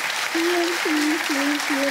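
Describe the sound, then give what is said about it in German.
Studio audience applause, a steady dense wash of clapping at even volume, with a few brief tonal notes sounding underneath. “Der Applaus geht dahin.”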